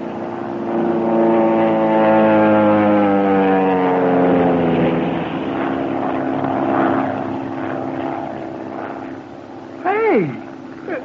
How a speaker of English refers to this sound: I would suggest we all sit perfectly still, make no move as the plane goes over, and concentrate on trying to discover their purpose in these repeated dives.